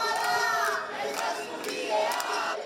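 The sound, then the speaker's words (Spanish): Dozens of protesters in front of a residential building in the old town of Bilbao, early in the morning, shout in unison "no toleramos ningún desahucio más" to try to stop an eviction, many voices rising and falling together in a loud, continuous chant, with no single speaker standing out. “Con gritos de "no toleramos ningún desahucio más", han tratado de evitar el desalojo de Esther”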